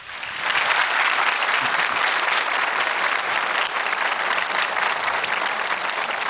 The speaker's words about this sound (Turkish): O güçlü alkışlarınız için çok teşekkür ederim efendim.